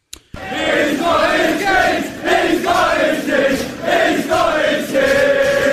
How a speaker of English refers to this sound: and all of a sudden, the entire crowd starts chanting, "Whose keys are these?" That's exactly what happened at one soccer event.